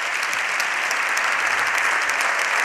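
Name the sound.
parliamentary benches applauding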